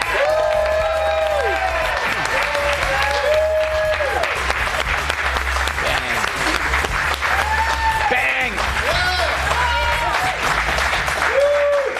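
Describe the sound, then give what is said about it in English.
Loud, sustained applause from a studio audience greeting Fox News anchor Chanley Painter as she comes on the show, dense clapping with whoops and cheers rising above it, steady without letting up. “Fox News crowd loves some Chanley Painter.”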